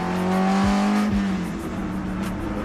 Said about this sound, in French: Ah, je vous laisse un peu écouter le bruit du moteur, c'est fabuleux.